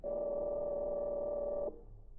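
household object, telephone being dialed

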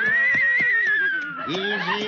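animal, horse neighing

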